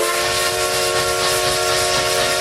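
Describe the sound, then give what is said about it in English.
A loud, sustained whistle from the Essex Steam Train in the Connecticut River Valley blows steadily, with strong tonal bands over a rushing hiss of escaping steam throughout, continuous with no talking. “All aboard the Essex Steam Train and Riverboat for unforgettable events all year long.”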